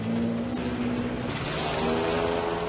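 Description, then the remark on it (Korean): A rough, rumbling car engine runs steadily, its low droning hum holding a constant pitch with a gritty, rattling texture throughout, with no voices present. The car is on the rough road to Timang Beach. “거친 엔진 소리가 모험의 시작을 알린 것 같았는데요.”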